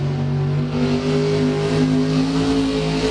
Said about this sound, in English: Truck and tractor pulls.